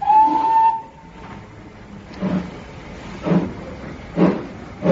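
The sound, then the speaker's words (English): A steam train whistle sounds one steady, shrill blast, then fades into the rhythmic chuffing of the engine, puffs arriving about once a second over a low rumbling background. “Well, here we are on the other train.”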